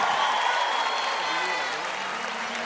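A crowd applauds steadily, dense clapping filling the space at a fairly loud, even level for a few seconds before easing slightly toward the end.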